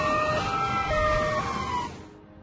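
fire truck siren

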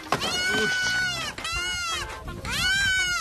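goats bleating

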